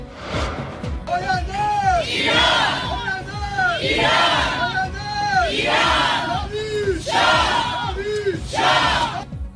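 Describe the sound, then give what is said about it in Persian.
A large crowd of protesters at a gathering of Iranians, held in cities around the world on the 4th anniversary of the Mahsa movement to support the demands of protesters in Iran, chants loudly in rhythmic, repeated bursts of shouted voices, the collective yelling rising and falling in waves across the whole stretch. “گردهمایی ایرانیان در شهرهای مختلف جهان همزمان با 4مین سالگرد جنبش مهسا، از اقیانوسیه و اروپا تا قاره آمریکا، شرکت کنندگان بر حمایت خود از مطالبات معترضان در ایران تاکید کردند.”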